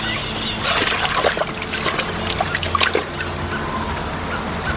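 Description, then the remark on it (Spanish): Water sloshes and splashes in irregular bursts as a person wades with difficulty out of a river onto the bank on a sunny day, while another stands chest-deep in the river. Trickling sounds run over a steady low background hum. No voices. “En un día soleado, Melquiades está sumergido hasta el pecho en el río. Arcadio sale con dificultad a la orilla.”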